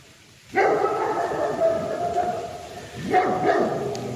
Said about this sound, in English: I think if you listen carefully, you can hear that sound with some mad dogs in the distance. Probably some Englishmen there too, although it's a very rainy day here in November.